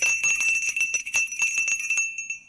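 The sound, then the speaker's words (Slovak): A small hand bell is shaken rapidly and insistently to summon a servant, producing a bright, jangling ring of quick repeated strikes for about two seconds before the tone fades out. No voices accompany it. “Zvonili ste, pán prorok?”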